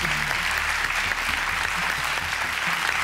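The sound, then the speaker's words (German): Steady applause from a studio audience, a dense, continuous patter of many hands clapping at an even, fairly loud level for the whole stretch, with no voices rising above it. “Der Applaus.”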